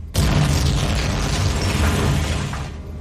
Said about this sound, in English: Knowing it's too late to pull away from the gravity of the planet they're crashing towards, Dirt can only brace for impact.